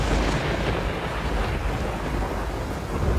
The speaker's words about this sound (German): Nun war er wirklich da, der Sturm. Und es schien, als würde er das ganze Schloss mit sich reißen.